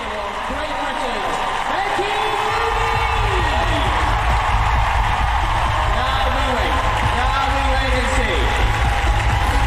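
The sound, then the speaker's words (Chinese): A large audience at an equestrian performance cheers and whoops continuously for a rider and the horse Jagger Bomb, a loud, steady roar of many voices with rising shouts and calls layered throughout, sustained for the whole stretch. “这样出色的表现呢，博得了全场观众的欢呼，的确是一场完美的演出。”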